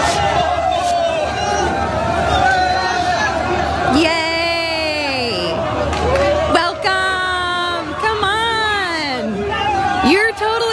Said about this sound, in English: Strangers, oh, you're chanting Allahu Akbar.